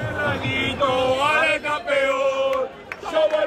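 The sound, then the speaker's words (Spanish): Rayo Vallecano football fans chant loudly together around the Vallecas stadium before a match against Crystal Palace, many voices holding long sung notes that rise and fall in a steady, continuous stream, with car horns and a couple of sharp brief knocks cutting through near the end. “Se oyen los pitidos de los coches y los cánticos de ilusión de una afición que espera con ansia que empiece el partido.”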